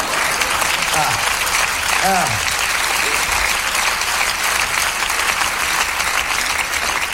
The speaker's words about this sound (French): Oui, ils sont tous enculés, ils applaudissent quand même.